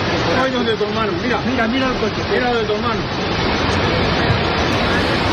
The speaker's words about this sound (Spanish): Es el sonido de la tromba de agua provocada por una fuerte tormenta en la tarde del sábado que ha causado la muerte de 2 mujeres.